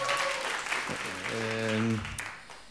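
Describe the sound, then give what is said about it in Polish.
Loud, dense audience applause at a live concert broadcast on radio, with steady crackling claps throughout, while a voice speaks and calls out over it before the clapping thins near the end. “Dziękujemy za te potężne oklaski.”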